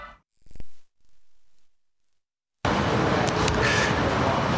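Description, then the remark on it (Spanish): A steady, dense roar of city street traffic in the centre of Madrid, outside a building of more than 30 floors, begins abruptly after a couple of quiet seconds with a few brief soft sounds, then continues loud and unbroken outdoors with an urban wash. “Impresiona estar aquí en el centro de Madrid, ver un edificio de más de 30 plantas, ir a entrar y a ras de suelo unas letras metálicas grandes con el apellido de la persona con quien vamos a conversar.”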